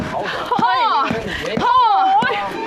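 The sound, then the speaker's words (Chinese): Heavy, dull thuds land about every half second as peanuts are pounded with a mallet to make peanut cake in Xingcheng, China, the steady blows sitting under a woman's continuous speech. “大哥，这得锤多少下才能成就一块花生糕啊？”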